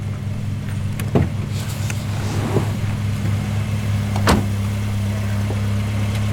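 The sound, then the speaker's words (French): A car engine restarts and rumbles steadily, a low idling hum throughout, with a couple of sharp clicks or knocks breaking through along the way. “Quand la voiture a redémarré, j'ai entendu”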